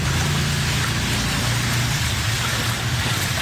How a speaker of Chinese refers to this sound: 午后暴雨，大街上淹成一片汪洋，民众只能涉水而过，包括彰化市以及园林火车站周边道路都难逃水患。沿街店家和在地居民一阵手忙脚乱，搬出防水闸门和沙包挡水，但大雨狂下，民众只能拿着水桶和扫把等工具奋力清理积水。